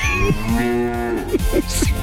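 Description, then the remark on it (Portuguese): A cow moos loudly, one long drawn-out bellow with strong harmonics, wavering in pitch before breaking into shorter grunting pulses at the end. “Um mugido especial para aquela pessoa especial.”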